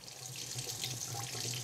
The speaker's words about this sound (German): Sehr gut, kaltes Wasser kommt. Heißes Wasser kommt.